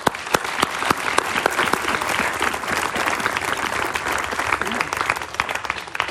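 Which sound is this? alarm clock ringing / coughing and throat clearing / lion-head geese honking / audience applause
audience applause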